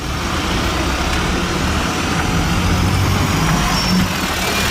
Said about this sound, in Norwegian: Vi har akkurat gått av bussen og rusler gjennom gata I denne byen som vi aldri har besøkt før.